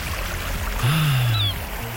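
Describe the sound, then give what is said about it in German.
Steady rushing ocean surf with a single drawn-out seagull cry rising and falling in the middle, and no one speaking. “Die Wellen. Und die Möwen”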